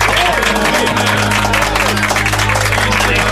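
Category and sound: crowd, studio audience applause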